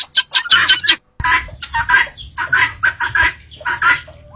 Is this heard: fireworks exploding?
no